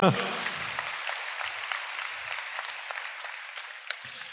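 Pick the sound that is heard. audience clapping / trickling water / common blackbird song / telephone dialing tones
audience clapping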